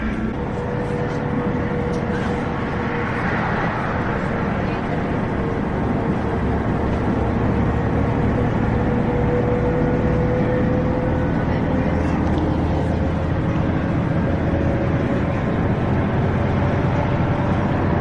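Inside a moving city express bus in Wrocław, a steady engine drone and road rumble fill the cabin continuously, with a faint whine rising and falling as the bus keeps going past stops without stopping.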